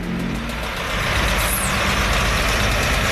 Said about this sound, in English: The road leading up to the petrol station is absolutely packed with cars. I've counted about 60 and they keep coming.